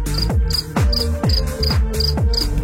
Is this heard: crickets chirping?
yes